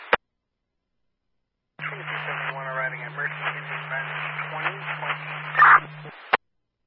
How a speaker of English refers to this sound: Radio is mostly static.